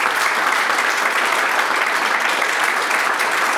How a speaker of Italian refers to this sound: Quindi grazie a voi tutti, un applauso.